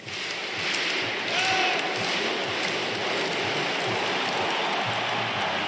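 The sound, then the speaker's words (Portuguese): A dense, steady roar of a large stadium crowd of Cruzeiro football fans celebrating along with the Cruzeiro players, a broad wash of cheering and clapping that stays loud and unbroken throughout, with brief tonal whistles rising above it. “Tá aí a festa da torcida cruzeirense, juntamente com os jogadores do Cabuloso.”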